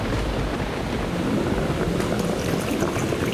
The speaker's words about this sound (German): Der Strudel wird dich verschlucken, dich und dein Geld.